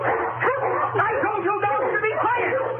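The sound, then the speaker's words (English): Several dogs bark, yip and whimper together in a steady, overlapping clamor, with high wavering whines weaving through the noise for the whole stretch and a couple of sharp clicks early on. “I told you dogs to be quiet.”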